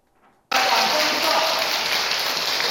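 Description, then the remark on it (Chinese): A burst of warm applause starts abruptly after a brief murmur and continues as a dense, steady wash of many hands clapping, loud and even throughout, as a director of Buddha's Light International Association enters for a lecture at Fo Guang Shan Chung Mei Temple, Houston. “国际佛光会理事赵姑怀真在热烈掌声下进场，说要来到佛光山中美寺专题讲座，分享自己追随星云大师30余年的行路历程。”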